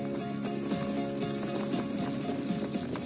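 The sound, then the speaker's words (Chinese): Broth made with an ordinary hot pot soup base boils steadily in a fresh giant-bamboo hot pot over a burning bamboo-wood fire, with a continuous bubbling and sizzling hiss that holds even throughout, while soft sustained musical tones play underneath. “竹柴入火，竹焰升腾，只需要放入最普通的底料，在沸水的加持下，自然的竹清香缓缓漫开，它既中和了辣锅的油腻，也调出了鲜美的竹香高汤。”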